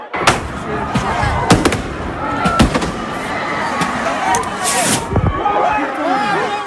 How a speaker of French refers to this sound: Aux pétards jetés, aux feux d'artifice lancés la police a répondu avec du gaz lacrymogène